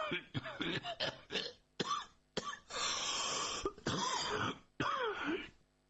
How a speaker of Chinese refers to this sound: 一边歇斯底里的咳嗽着